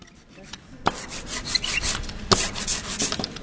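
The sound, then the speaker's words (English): A printmaker's paint roller rolls jet black ink across a carved piece of linoleum, a steady sticky, crackling rasp that begins abruptly with a sharp tick and continues in uneven rolling strokes, with another brief click midway. “The local artist and printmaker spreads that ink across a carved piece of linoleum.”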